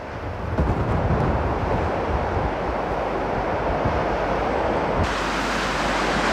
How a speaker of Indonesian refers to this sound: Badai menghantam kota Wellington, Selandia Baru, ketinggian gelombang laut yang mencapai lebih dari 9 meter membuat pelabuhan ditutup dan warga di sekitar pantai diminta mengungsi.